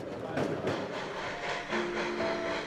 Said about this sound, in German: Vor diesem Zug stehen zwei der legendären Garretts, nach ihrem englischen Konstrukteur benannte Lokomotiven mit zwei separaten Triebwerken. Den auf Schmalspurgleisen monströs wirkenden 60-Tonnern konnte man in Südafrika häufig begegnen.